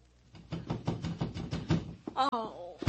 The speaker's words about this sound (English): Then, as the door pounding persisted, she slipped on a light negligee and went to the door.